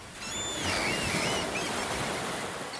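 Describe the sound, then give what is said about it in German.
A steady, broad wash of ocean surf rolls on a shoreline of the island of Jüst, with thin, high wavering whistles, likely birdsong, drifting above it in the first second and a half. No one speaks. “So klingt es auf Jüst.”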